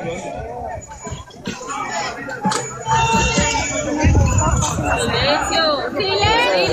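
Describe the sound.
A crowd of agitated voices overlaps in a continuous hubbub at a rescue site amid rubble, with several people shouting urgent calls for buckets in Spanish that grow louder and more insistent through the second half.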